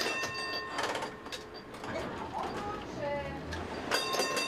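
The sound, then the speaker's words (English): A tram rumbles along its rails with steady low-frequency rolling noise and bursts of metallic screeching and squealing, while a voice murmurs faintly in the background; the city's tram network is over 140 years old and among the oldest in Europe. “These tram tracks have connected the city for over 140 years.”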